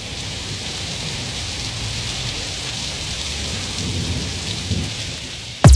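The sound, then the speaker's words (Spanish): Steady rain pours down in Salinas, Talcahuano, in a continuous hiss, with deep low rumbling like thunder beneath it, and a brief sharp burst right at the end. “Talcahuano, Salinas, lloviendo.”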